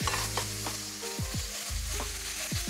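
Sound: spices sizzling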